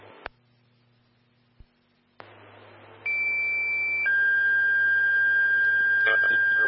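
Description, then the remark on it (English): Fire dispatch alert tones over a radio for Fire Station 2 on an outside fire: a couple of clicks and a low hum, then static, then a steady high tone that shifts to a second, slightly lower tone held for several seconds. “Stand by for tones on an outside fire.”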